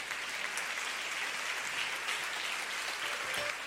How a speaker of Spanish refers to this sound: Denle ese aplauso al Señor Jesús.